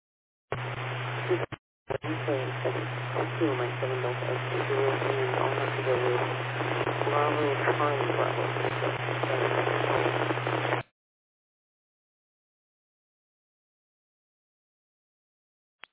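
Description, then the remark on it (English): A radio transmission crackles through heavy static, a muffled voice garbled and breaking up under a steady low hum, cutting out briefly before continuing for several seconds and then dropping to silence. “I got a Bravo, and then after that, I kind of lost you over the static.”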